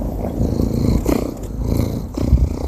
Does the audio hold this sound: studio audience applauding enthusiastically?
no